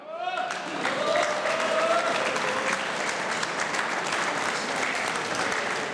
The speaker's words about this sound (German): Inzwischen ist auch der Herr Bürgermeister Matthias Weghofer zu mir auf die Bühne gekommen. Herr Bürgermeister, das ist Ihr Applaus.